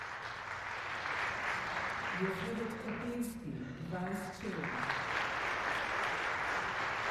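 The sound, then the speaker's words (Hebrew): Sustained applause from a large audience in a concert hall at a music competition, greeting the panel of judges, steady and dense throughout, while a voice briefly speaks underneath midway through. “מחיאות הכפיים לחבר השופטים.”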